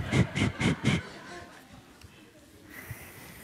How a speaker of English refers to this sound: Is that the train? To je ten vlak? And how long does the train make sound? Jak dlouho bude ten vlak syčet?